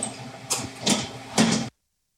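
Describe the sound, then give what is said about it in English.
A large convection oven, one of two that bake five trays of product at a time, gives off a low, steady hum, with three short, loud whooshing bursts breaking over it before the sound cuts off abruptly. “All right, and we are now hearing the gentle hum of a very large oven.”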